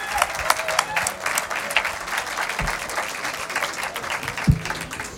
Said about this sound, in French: Nous, on connaît bien notre public de Cybelle, vous allez voir. Ils sont généreux. Merci de les applaudir, et place à la musique.